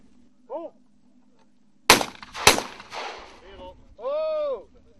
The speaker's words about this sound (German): Und Sie können ja gleich sehen, wenn der erste Schuss fällt. Die Tauben sind gut, sehr gut sichtbar. Feuer frei!